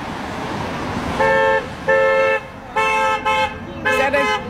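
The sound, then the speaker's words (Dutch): Car horns from passing vehicles, including pick-up trucks, work vans and large trucks, honk loudly in response to a daily street protest against Donald Trump's policies: a string of about six blasts, some long and some short, with a quick double toot near the end, over a steady wash of street and traffic noise. “Geen goede toeter was het.”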